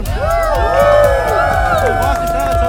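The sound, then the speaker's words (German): A crowd of many high children's voices cheers and whoops loudly and continuously for the helpers, with rising and falling shouts layered together and only a few scattered claps mixed in, as the children are all holding ice creams. “Die Helfer haben sich ein Eis verdient und die gaben einen riesengroßen Applaus, oder?”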